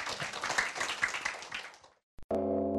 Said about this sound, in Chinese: 那我们也掌声欢迎他了哈。